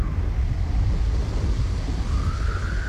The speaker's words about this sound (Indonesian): Hai teman berdua, hujan turun, angin ikut datang.